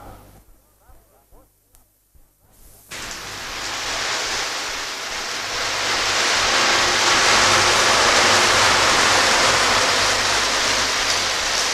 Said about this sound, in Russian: Какой дождь.